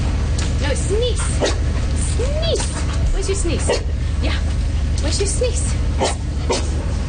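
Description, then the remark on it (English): A Canines for Care dog, trained to sniff out C. difficile bacteria, yips, whimpers and barks in short, repeated bursts during a visit to a hospital, over steady background noise, with people murmuring in the background. “The dogs and their handlers paid a visit to the hospital earlier this month.”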